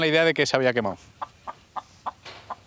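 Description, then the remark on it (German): A chicken at the neighbours' across the way, waiting for food, gives a loud, drawn-out squawking call, then settles into five short, evenly spaced clucks, moderately quiet. “Bei den Nachbarn gegenüber wartet das Huhn auf Futter.”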